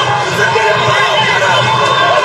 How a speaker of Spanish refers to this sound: Escuchamos los gritos, ahí está.